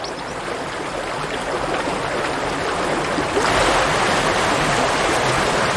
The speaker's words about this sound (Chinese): 冰雪融化后，山间的溪流水位上涨，